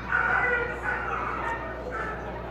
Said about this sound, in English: Oh, my. Hopefully everything's okay. Yeah, that was a... The dog looked like it was choking.